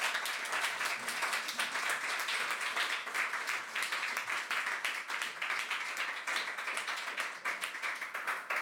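Steady, dense applause from an audience, many hands clapping in a continuous, even roar that holds at the same loudness throughout, with no voices over it.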